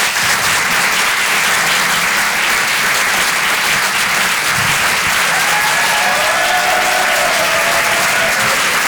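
Loud, sustained applause from a sizable audience at the Rire et Chanson Comedy Club, dense crackling claps continuing throughout, with faint cheers or whistles rising briefly near the end.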